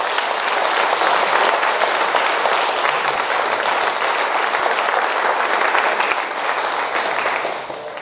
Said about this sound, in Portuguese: Palmas para Jesus.